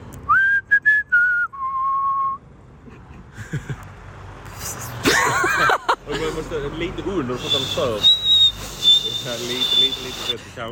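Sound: person whistling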